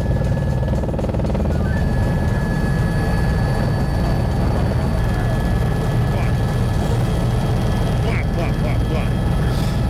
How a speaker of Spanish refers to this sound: De uno de los helicópteros del operativo,